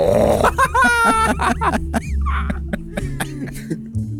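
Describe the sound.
A person imitates a bear with a run of rough, throaty growls and grunts, several loud bursts over a few seconds with gravelly low tones and brief breathy pauses between them.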